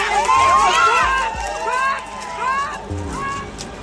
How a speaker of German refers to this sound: Die Demonstranten sind emotional und wütend. Und dann hebt jemand den Zaun an einer Seite aus der Verankerung. Weiter, weiter, weiter, weiter. Sie schieben ihn beiseite, drängen durch die Lücke auf den Feldweg und rennen los.